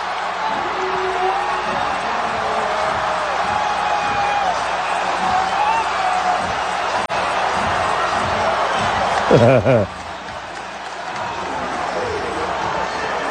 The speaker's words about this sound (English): And you hear the crowd build. You hear this whir. That's probably the best word for it. It's this like fester.